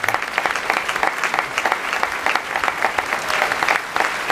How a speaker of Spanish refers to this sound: Nuestro aplauso especial.